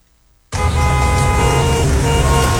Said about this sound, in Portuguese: Se o motorista tivesse freado um pouco antes, evitaria a batida.